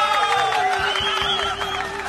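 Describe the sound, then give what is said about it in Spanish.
A crowd applauds steadily and fairly loudly for about two seconds, dense clapping blended with sustained tonal sounds and crowd noise throughout. “Con aplausos.”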